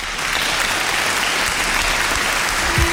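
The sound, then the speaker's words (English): Steady, dense applause from an audience, a continuous wash of many hands clapping at fairly loud volume with no voices standing out. “Basking in the applause.”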